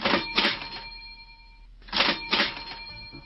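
A cash register rings out in bright, clattering bursts: a quick pair at the start, a pause with a lingering bell tone, then two more jangling rings, with no voices.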